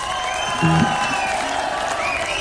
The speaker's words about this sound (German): Applaus.